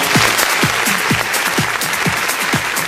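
loud applause

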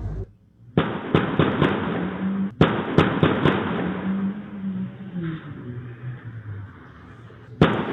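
gunshots fired

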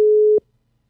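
telephone ringback tone

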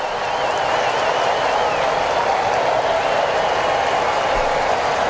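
baseball stadium crowd cheering

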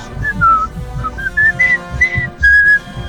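person whistling a tune

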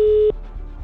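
telephone ringback tone

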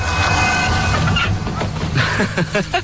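bird call

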